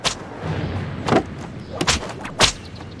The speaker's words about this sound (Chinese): 我最讨厌这种皮鞭子抽进皮肉里的声音，真是让人烦闷不堪。